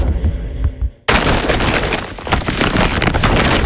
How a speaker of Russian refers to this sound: Слышишь? Именно так шуршит мешок, полный товарами Икея с раскупки.